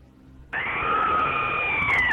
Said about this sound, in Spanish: manda tu audio gritando, un gritito acá de miedo como este, mira.